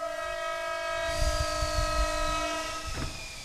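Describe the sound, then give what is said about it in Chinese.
A train horn blares in a long, steady chord over the low rumble of a passing train, with the rolling clatter of cars continuing underneath and a brief rattle near the end. “父母偶尔来看我，坐火车，我跟着爷爷在月台上接他们。”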